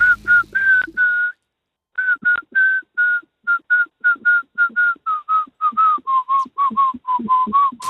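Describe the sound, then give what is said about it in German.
A person whistles a tune, a steady series of short, clear notes with a brief pause near the start, the pitch drifting gently lower toward the end. No talking. “Kannst du Melodien pfeifen mit mehreren Tönen als einem?”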